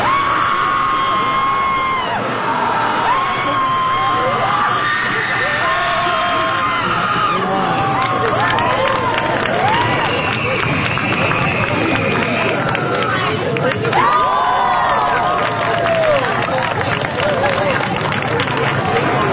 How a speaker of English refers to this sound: Not only is there a group guttural scream, there's also a screaming contest with points for volume, duration, and style.